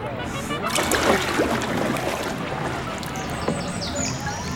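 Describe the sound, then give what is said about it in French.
Water of a shallow, greenish lake at 2000 metres altitude laps and sloshes steadily, with small irregular splashes and clicks against a hull, a continuous wet texture at moderate level throughout. “J'ai beau tendre l'oreille, je n'entends rien à part le clapotis de l'eau.”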